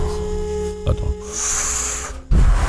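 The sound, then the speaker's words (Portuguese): A person mimes puffing on a cigar with their mouth: a couple of short breathy puffs, then a long, airy exhale hiss, ending in a louder low rustle. “Pega um belo de um charuto assim, ó.”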